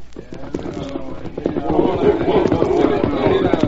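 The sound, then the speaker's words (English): The horses of a band of eight roughly dressed men clatter in a quick, uneven clip-clop that grows louder as the riders set off toward their mounted leader in wild, barren country along the Rio Grande, with an indistinct murmur of voices and movement underneath. “When they had finished, each man jumped to the saddle and urged his horse toward their leader, already mounted and waiting.”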